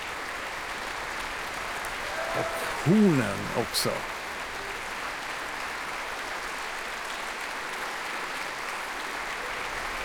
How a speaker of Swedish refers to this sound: Här är nu Susanna Melki inne på scen och tar emot applåder. Och även orkesterns musiker applåderar här nu för olika soloinsatser. Här ställer sig träblåset upp och får applåder.